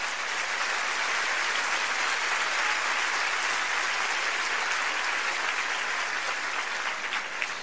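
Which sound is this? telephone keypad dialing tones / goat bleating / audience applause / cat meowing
audience applause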